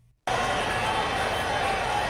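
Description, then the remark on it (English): A stadium crowd at a football game roars loudly and steadily as a touchdown is scored, a dense wall of cheering that bursts in abruptly after a brief quiet moment and holds at full volume. “Nothing is better in sports than your team getting a score and hearing the crowd roar as the commentators animate.”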